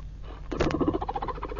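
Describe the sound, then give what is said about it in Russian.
A rapid run of short, throaty barks from fur seals, bunched together so they sound like chuckling laughter, moderately loud, lasting just over a second with no talking. “Значит, и вы надо мной смеетесь.”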